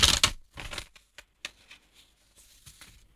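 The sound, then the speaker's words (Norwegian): Papers rustle and crinkle in irregular bursts as someone searches through them for a particular sheet, starting with a loud crisp flurry, then trailing off into scattered softer shuffles and brief sheet movements, with no voices. “Det var så mye papir å rusle i.”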